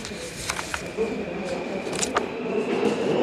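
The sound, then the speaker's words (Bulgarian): Underground ambience at Joliot-Curie metro station in the capital's Iztok district, with a train passing: a steady, dense rumble with a thin high whine running through it, a few sharp clicks and clanks, and indistinct voices murmuring in the background. “Здравейте от метростанция Жулио Кюри.”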